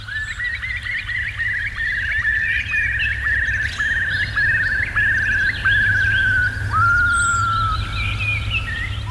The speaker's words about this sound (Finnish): Mutta nyt siis tätä lintujen laulun vaikutusta ihmismieleen on ryhdytty tutkimaan.